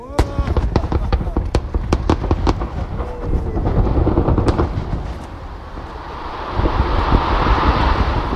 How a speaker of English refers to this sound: On Thursday, Mesabi Metallics celebrated with a bang. The mining company completed another blast on its property, using 1.1 million pounds of explosives to blast apart rock and shoot plumes of dust, colored red, white, and blue, high into the sky.